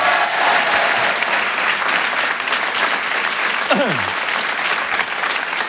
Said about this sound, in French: Rire et Chanson Comedy Club. Un tonnerre d'applaudissements, s'il vous plaît, pour Olivier Debenois.